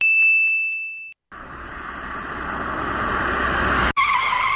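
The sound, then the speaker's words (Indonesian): A brief high ringing tone gives way to a loud, harsh screech of car tires skidding on pavement as the car nearly hits a motorcycle riding against traffic, lasting a few seconds and swelling before cutting off abruptly. No one speaks. “Astagfirullah, hampir kita menabrak. Iya Bella, gara-gara itu motor.”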